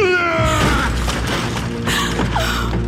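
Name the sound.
door being broken open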